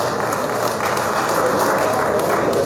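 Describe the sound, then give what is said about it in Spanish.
Steady, dense applause from a sizable crowd welcoming Luis Arce Clemente, mayor of the municipality of Chinaota, Cochabamba; loud and continuous, with many hands clapping together and no voices standing out. “Recibimos con un fuerte aplauso al alcalde Luis Arce Clemente, seguido desde la región del Tránsito de Cochabamba.”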